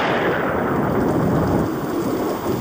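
thunder rumbling

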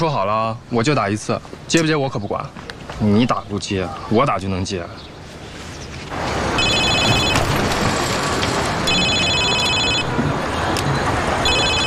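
phone ringing

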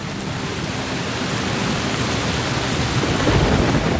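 heavy downpour rain

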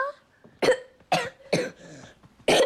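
coughing

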